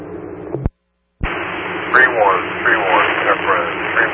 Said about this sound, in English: 3-1, Cub Run. Repeat that, it's static. I got 3-1 something.